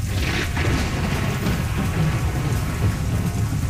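A thunderstorm in Melbourne at about 6 p.m. roars with steady heavy rain hissing across the full range, while deep rolling thunder rumbles low and continuous underneath, loud throughout with no voices.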